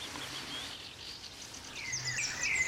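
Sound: european robin singing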